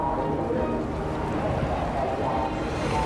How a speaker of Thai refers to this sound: พี่ไกสอนเรือหลวงพระโตมาแล้วจ้ะพนมมืออธิษฐานนะจ๊ะ